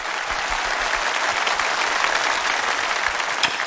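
Sustained audience applause welcoming the first-ranked contestant of a competition, a dense, steady wash of clapping hands at a loud, even level throughout, with no talking over it.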